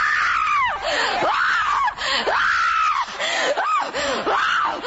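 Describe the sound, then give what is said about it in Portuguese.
A large group of people shouting and screaming out to Jesus together, loud, their overlapping voices rising and falling in long wailing cries that fill the whole stretch without a break. “Grita para Jesus queimar.”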